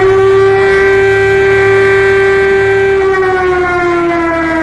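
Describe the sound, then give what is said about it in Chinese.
A shrill air raid siren wails steadily and loudly, its harmonic tone holding a constant pitch before dipping slightly toward the end, with no voices present. “警报又尖利地响了起来，渲染出毛骨悚然的气氛。”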